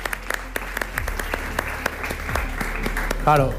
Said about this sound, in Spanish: Venga, vale. Un aplauso.